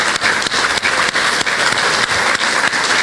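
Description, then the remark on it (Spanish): An audience in Puebla gives sustained applause for the municipal presidents. It is a dense, steady roar of many hands clapping at a loud, even level throughout, with no voices standing out above it. “Por eso estoy muy agradecida, por eso estoy tan contenta de estar en Puebla, y quiero agradecer hoy a los presidentes municipales, a todos los que están en el presidio, un fuerte aplauso.”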